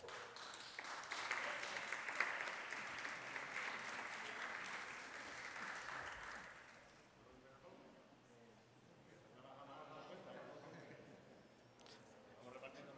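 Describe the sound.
A crowd applauds loudly at a race prize-giving ceremony, a dense steady clatter of many hands for about six seconds, then the clapping fades out and a voice begins talking.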